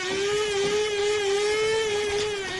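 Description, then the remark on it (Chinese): A coffee machine whirs steadily, a continuous motor hum with a firm mid-pitched tone and buzzy overtones, holding an even loudness throughout with no voices. “你这是新买的豆浆机啊？ 什么豆浆机？我这叫咖啡机。”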